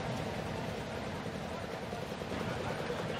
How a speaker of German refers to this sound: So, ich höre es rattern. Sie auch zu Hause, hören Sie es rattern? Ich würde tippen, die Porsche-Freunde, da sind sie. Sessimer Porsche-Freunde, Wüstensachsen, wir sind wieder im Landkreis Fulda.